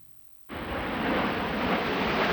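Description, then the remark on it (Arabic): After a moment of near silence, a loud, sustained roar of jets suddenly bursts in and holds steady as the Royal Air Force Red Arrows fly overhead, drawing coloured lines in the sky over Farnborough at the Farnborough International Airshow in Britain. No voices. “ترسم طائرات السهم الأحمر التابعة لسلاح الجو الملكي البريطاني خطوطا ملونة في سماء فارنبرو، لكنها في الواقع تفتح المشهد على سباق عالمي جديد في مجال التسلح والطيران.”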